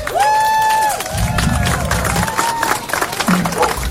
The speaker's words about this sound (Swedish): Och sen är det jättemånga här som jobbar idag och som har jobbat tidigare. Och alla jobbar ideellt. Och det tycker jag att de ska ha en stor applåd för.